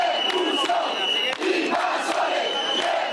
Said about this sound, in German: Schiebt die Invasoren ab, rufen die Demonstranten, versuchen einen Wagen des Roten Kreuzes mit Wasser und Lebensmitteln an der Einfahrt Richtung Strand zu hindern.